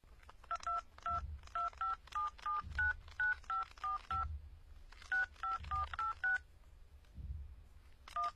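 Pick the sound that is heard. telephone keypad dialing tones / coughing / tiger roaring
telephone keypad dialing tones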